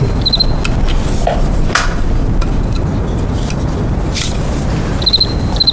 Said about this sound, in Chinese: 我就对这感兴趣。 嗯，蛐蛐。 哎， 来来来，我看看。哎呀，这玩意好玩，那玩起来可着迷。